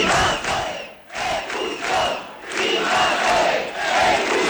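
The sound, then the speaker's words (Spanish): A crowd of about five hundred protesters in Ceuta, carrying Ceuta and Spain flags, cheers and chants in loud, rhythmic bursts, voices rising and falling together in repeated surges with brief dips between shouts. “Los manifestantes, medio millar aproximadamente, con banderas de Ceuta y España y con vítores.”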